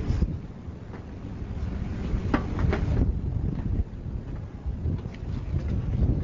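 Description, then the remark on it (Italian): Strong wind roars and buffets steadily against the microphone outdoors on a ferry deck, crossing from Sicily towards mainland Italy, a loud continuous rumble with gusty swells and faint water and engine noise underneath. “Qui c'è molto vento.”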